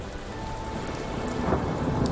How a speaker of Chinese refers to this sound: 那一次他遭遇恶劣天气，船行过半，暴风雨突然来袭，狂风裹挟着巨浪拍打着船身，船只剧烈晃动之下